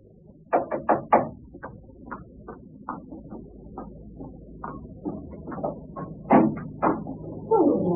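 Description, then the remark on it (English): A postman knocks on the front door in a series of sharp, hollow raps: a quick burst of four, then scattered single knocks and further clusters, with no one speaking. “Next morning, I was having breakfast when I heard the postman knock at the door.”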